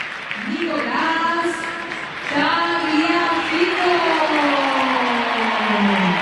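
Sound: stadium crowd applauding players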